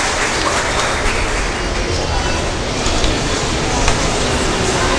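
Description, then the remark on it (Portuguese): A community audience applauds in thanks steadily for about five seconds, a dense, even wash of many hands clapping at once, fairly loud and without any voices over it. “Aqui na frente, temos o agradecimento da nossa comunidade também através de uma salva de palmas.”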